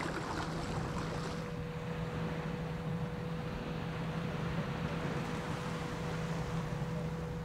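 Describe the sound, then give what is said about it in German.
A boat carrying a person home after work moves steadily across open water, its engine droning with a constant low hum under a wash of wind and splashing water, with no voices. “Nach Feierabend geht es mit dem Boot zurück nach Hause.”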